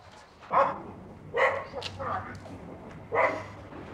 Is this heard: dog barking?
yes